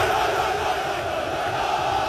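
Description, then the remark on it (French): A dense, continuous roar from a huge crowd of Beşiktaş football supporters, loud and steady for the whole two seconds, with no single voice standing out from the wall of noise. “Les supporters de Beşiktaş détiennent le record du monde de décibels, plus de 140 dans leur ancien stade il y a 13 ans.”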